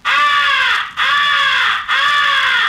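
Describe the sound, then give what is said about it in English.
Three long, loud, drawn-out crow caws, the 'come here' call of a crow in distress used to attract distant crows, follow one another in a steady rhythm with only brief gaps, each harsh and slightly falling in pitch, with no voices. “First is the come here call, which is used to attract the attention of distant crows. It is a call of a crow in distress.”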